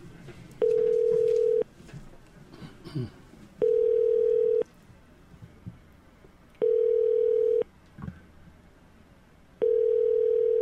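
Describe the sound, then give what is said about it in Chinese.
A telephone ringback tone sounds four times, each steady buzzing burst lasting about a second with roughly two-second gaps, loud and clear over a faint murmur of background noise, as a radio call-in show phones commentator Zhang Zongyi. “来，卡通啊吼。”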